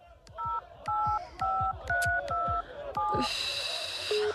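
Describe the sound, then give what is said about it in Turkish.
A rapid series of seven electronic dual-tone telephone keypad beeps as a phone number is dialed to call a hospital, each short and evenly spaced, followed by a brief higher tone, with faint background noise underneath. “Defalarca aradık ama bir daha deneyeyim.”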